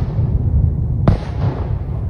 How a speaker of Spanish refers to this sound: Según las autoridades ucranianas, se escucharon fuertes explosiones en toda la zona durante la noche del sábado al domingo, y los misiles llegaron a edificios residenciales y varias escuelas.